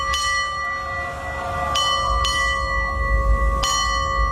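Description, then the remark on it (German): A ship's bell on NDR 1 Welle Nord radio rings out clearly in two quick double strikes followed by a single stroke, striking the time 6:30, each ringing tone lingering over a low, steady rumble in the background. “Guten Morgen, hier ist NDR 1 Welle Nord und wir glasen hier jetzt mal an, läuten die aktuelle Uhrzeit mit der Glocke für Sie.”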